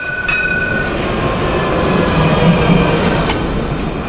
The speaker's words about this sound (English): Barcelona tram, a decidedly older version than today's.